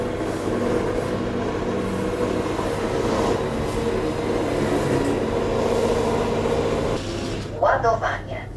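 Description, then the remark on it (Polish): A Roborock S7 robot vacuum hums and rumbles steadily as it returns to its charging station after cleaning flour off the floor, then gives a short burst of clattering mechanical sounds near the end as it docks. “Oczywiście śladów po mące na podłodze już nie ma, można odesłać odkurzacz do bazy.”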